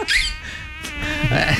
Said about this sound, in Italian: Zanzare.